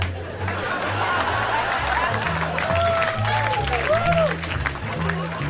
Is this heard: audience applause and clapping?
yes